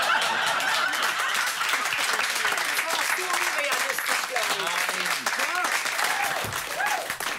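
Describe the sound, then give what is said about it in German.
Sustained audience applause, a dense steady wash of many hands clapping at even loudness throughout, with scattered voices and light laughter mixed in beneath. “Wir warten nur ab, bis der Applaus sich gelegt hat.”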